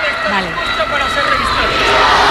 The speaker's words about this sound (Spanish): Están presentando honores las cabezas de los cuerpos militares y los gritos de la multitud.